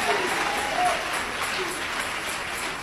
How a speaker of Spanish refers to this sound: Dale ese aplauso de alabanza a Jesús de Nazaret.